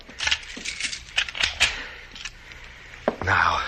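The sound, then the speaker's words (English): Metallic jingling and a quick run of clicks from keys locking a door, then one sharp latch click before a voice begins speaking. “I will lock it.”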